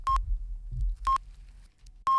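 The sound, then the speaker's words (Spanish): Three short, clean electronic beeps of a radio hourly time signal marking 4 p.m. in Andalusia, at a steady one-second interval, each a pure mid-pitched tone, with a low rumbling background between them. “Mira que justo con los pitidos.”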